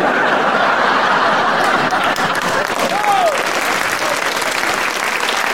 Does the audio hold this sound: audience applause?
yes